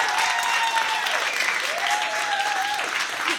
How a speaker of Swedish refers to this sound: En stor applåd igen till dem.